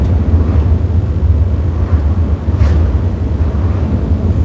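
A reverend's car drives home with a steady, low engine rumble and constant road noise, continuous and fairly loud throughout, with no voices.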